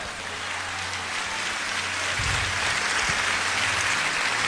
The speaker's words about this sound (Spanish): Vamos, denle el aplauso a Dios.